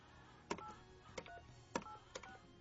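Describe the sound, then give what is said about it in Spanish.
Several short telephone keypad tones beep in quick succession as a number is dialed, each a crisp electronic blip, clear over a quiet background. “El móvil que ha marcado no está en servicio.”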